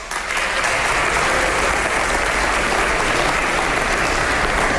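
A sizable audience at a speech gives sustained applause for people named by the speaker. It is a dense, steady wash of clapping that holds at an even, fairly loud level for about five seconds, with no voices standing out.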